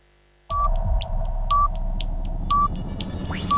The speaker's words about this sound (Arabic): دقات الساعة ونواصل.